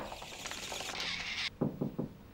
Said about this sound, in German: Sie werden sich noch eines Tages die Hand verstauchen, so wie Sie gegen die Tür hämmern.